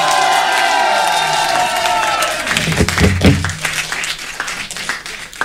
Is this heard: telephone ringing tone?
no